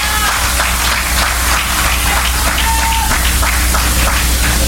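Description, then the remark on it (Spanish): An audience claps loudly and steadily for the King, Christ, a dense, continuous wash of many hands filling the room for several seconds with no voices standing out. “Cristo, vamos, dele fuerte las palmas al Rey.”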